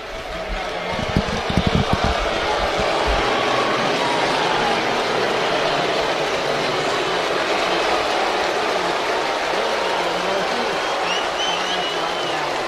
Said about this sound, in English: Well, half standing and clapping, and as you can hear, plenty of boos. That's kind of what I expected. I think it's more 50-50 than 70-30.